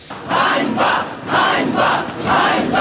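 A large protest crowd chants the word "shame" in unison, five times in a steady rhythm about half a second apart, loud and massed over a constant background roar of voices, at a Ukrainian protest where hundreds gathered in Kharkiv and outside the presidential palace in Kyiv in support of the dismissed defence minister.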